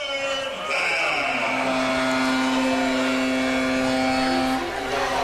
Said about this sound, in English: As the horn sounds, not signaling the end of the third period. Signaling a third down, trying to get the crowd hyped up, although they're pretty silent here.